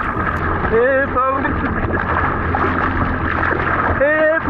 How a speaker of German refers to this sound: So könnte es klingen, wenn ein Schwimmer in der Ostsee vor Warnemünde in Not gerät. Jetzt zählt hier jede Sekunde. Das ist allerdings nur eine Übung.